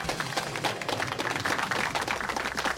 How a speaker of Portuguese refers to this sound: E então vamos pedir uma salva de palmas para os nossos concorrentes e até para a semana!